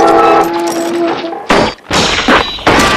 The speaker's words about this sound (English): The arm comes crashing down against the side of the boat.